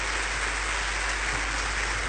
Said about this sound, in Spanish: Ahora sí, dale un fuerte aplauso al Rey. ¡Gloria a Dios!